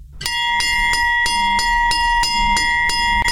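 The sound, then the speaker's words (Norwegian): The iconic bell of a Hjemmeis ice cream van in Denmark rings out in a steady, repeated pattern of bright, high metallic chimes, loud and alone, with no voices over it. “Den ikoniske Hjemmeis-klokke.”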